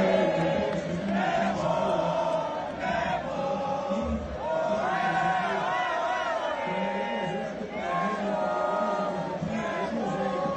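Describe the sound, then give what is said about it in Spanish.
A large crowd of football fans at the World Cup Fan Fest in Monterrey, Mexico, chants together in loud, sustained waves, voices rising and falling in rhythmic surges with cheering woven through, continuous throughout. “Con cantos, porras y un ambiente de fiesta de principio a fin, la afición regiomontana volvió a demostrar que el Fan Fest de Monterrey es sin duda uno de los más encendidos de todo el mundial.”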